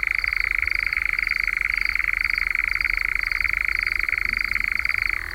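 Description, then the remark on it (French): A nightjar's churring purr, heard around 10 in the evening as it comes out to hunt, runs unbroken from start to finish, a steady, rapid, dry trill at a fairly high pitch, loud and even, with no voices over it. “On l'entend aussi donc pousser ce ronronnement que je vous fais entendre depuis un moment.”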